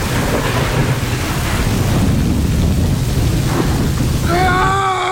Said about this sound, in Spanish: Caía un torrencial aguacero con tormenta, con rayos y centellas.